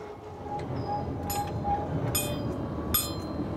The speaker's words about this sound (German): Die Riffelalp-Tram auf 2222 Meter Höhe, die höchste Straßenbahn Europas. Sie ist nur im Sommer in Betrieb.